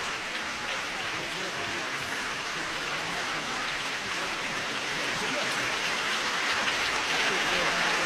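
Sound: concert hall audience applause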